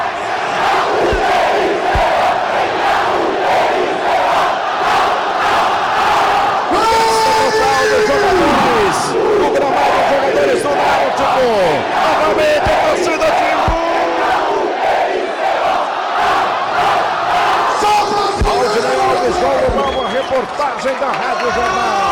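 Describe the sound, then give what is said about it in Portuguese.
A large crowd of Náutico supporters cheers and chants continuously in a stadium, celebrating their team's win in Brazil's Série B, a loud, dense roar of many voices with rising and falling shouts throughout. “Muita festa da torcida do Náutico”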